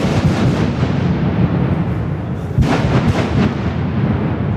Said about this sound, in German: Der Neubau vom Tunnel Las Ruinas an der Lokmanierstrasse ist diese Woche offiziell angeschossen worden. Natürlich nicht mit einer Pistole, der Bau hat mit einer Sprengung angefangen.